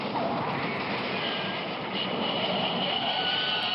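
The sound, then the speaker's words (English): A freight train rolls past in a steady, dense rumbling roar that holds level throughout, with faint high metallic whines threaded through the noise and no voices. “We got a freight train coming in.”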